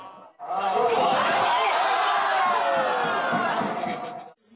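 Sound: pub crowd cheering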